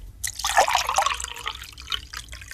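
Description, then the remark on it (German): Cold water is poured steadily into a cup, splashing and gurgling, with the pitch of the filling rising slightly over a couple of seconds. No talking. “Wenn man eine Tasse mit Wasser füllt, dann kann man nur am Geräusch erkennen, ob das Wasser heiß oder kalt ist”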